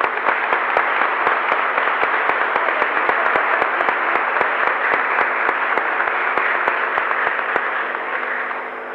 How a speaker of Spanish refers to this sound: Re bien los chicos, ¿no? Un aplauso. Muy bien.